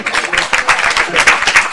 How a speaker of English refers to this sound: Oh, she made a grand entrance. You're going to clap again.